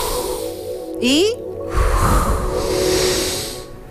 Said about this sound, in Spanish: Una respiración profunda a esta hora. Una exhalación. Una vez más. Una, dos, tres.